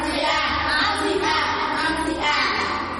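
A group clapping their hands in steady, dense applause that runs for about three seconds, staying fairly loud throughout with a slight swell toward the end.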